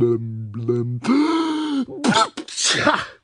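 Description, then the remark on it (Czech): A drawn-out, rising vocal "ahh" builds up, then breaks into a loud, breathy sneeze with a couple of sharp noisy bursts, sounding like a person acting it out: a muddy little creature with a constant cold, in a story, sneezing powerfully again. “A znovu mocně kýchla.”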